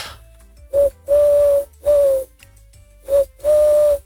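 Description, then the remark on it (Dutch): A person imitates a collared dove's coo into a bird-identification app, five soft hooting notes in a short-long, short-long-long rhythm, fairly loud with quiet gaps between phrases. “Hij denkt dat ik een Turkse tortel ben.”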